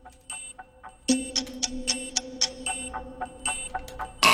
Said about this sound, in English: Now we got buzzed before you could submit an answer.